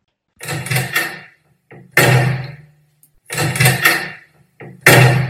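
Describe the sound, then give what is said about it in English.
A door is opened and shut twice in a row, each cycle a creaky rush followed by a loud bang, with no one speaking. “Will you sort this door out? I'm going to rip it off its hinges.”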